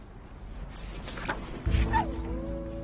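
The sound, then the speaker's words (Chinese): A small yellow puppy gives a couple of short, high yips followed by a drawn-out whine against a low background rumble, with no one speaking. “姐姐，我想领养这只黄色的小狗。”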